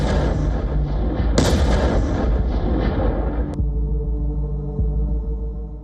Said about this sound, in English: The explosion comes first, then the dust swallows everything. There is no towering missile, no supersonic strike.